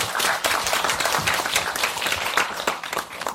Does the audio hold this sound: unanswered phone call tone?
no